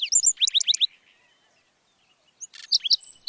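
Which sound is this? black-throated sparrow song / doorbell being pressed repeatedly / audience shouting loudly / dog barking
black-throated sparrow song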